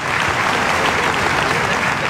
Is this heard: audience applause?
yes